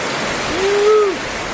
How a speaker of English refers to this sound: Yeah, that's a visual representation, right? The damage from Hurricane Lowell as powerful water was rushing down the Lahaina River.